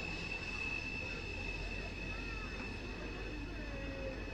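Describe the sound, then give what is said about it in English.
A train rumbles steadily past during a Blue Jays–Rays baseball game broadcast while its wheels let out a sustained, high metallic screech against the rails, with a second squealing tone sliding in near the end; faint voices murmur underneath. “Burke has walked and struck out twice as the train screeches on by.”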